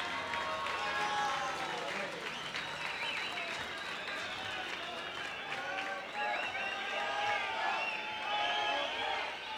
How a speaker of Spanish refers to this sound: Un aplauso al ganador del tractor.